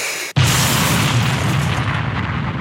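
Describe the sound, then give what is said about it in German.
A voice imitates an explosion with the mouth, with false teeth set slightly crooked: a sudden loud burst after a brief silence, followed by a sustained rumbling, hissing roar that stays strong for a couple of seconds. “Das klingt doch wie eine echte Explosion, oder ne?”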